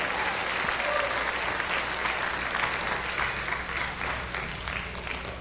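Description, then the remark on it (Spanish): Loud, sustained applause for the Lord from a crowd, a dense steady clatter of many hands clapping for several seconds, fading slightly toward the end with no speech over it. “Me asiento unos minutos y dele un aplauso fuerte al Señor.”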